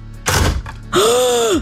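A Krokodok toy crocodile's jaws snap shut in a tooth-pressing game, with a quick hard plastic thunk, followed by a loud sustained tone that rises slightly and then falls away.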